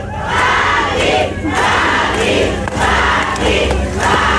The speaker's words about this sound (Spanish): No creas que te están aplaudiendo, quieren que te pongas las frías.